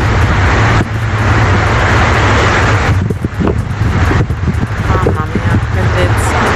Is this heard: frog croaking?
no